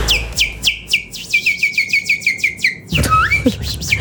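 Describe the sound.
A man, a boss who whistles constantly, whistles like a songbird: a quick run of about a dozen bright, repeated chirping notes, then a few warbling twitters, clear with no talking.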